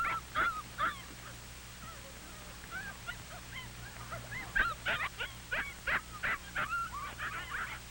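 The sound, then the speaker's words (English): Several puppies whimper and yip in a continuous, overlapping chorus of high-pitched cries and short squeaky barks, fairly quiet with a low steady hum underneath. “Paul has never seen so many puppies.”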